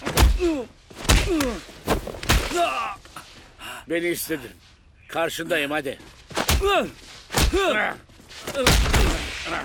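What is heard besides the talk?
punches landing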